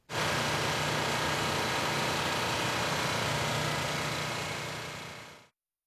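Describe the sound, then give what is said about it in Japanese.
Loud, steady industrial machinery drones continuously with a low hum and broad mechanical whir in a Daio Paper factory producing cellulose nanofiber (CNF), one of Japan's largest, then cuts off abruptly near the end; no voices. “これがこの CNF を生産している工場の音なんですけれどもね”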